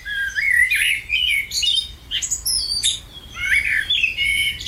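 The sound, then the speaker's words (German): A common blackbird sings a varied, fluting melody of warbled phrases in several bursts, clear over a faint low background rumble, with no one talking. “Welche Vögel klingen eigentlich am schönsten? Eine Studie der Uni Tübingen hat 123 heimische Arten getestet und der hier hat ganz klar gewonnen.”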